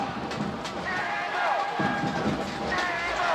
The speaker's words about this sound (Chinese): 拍手声，为主队加油一下！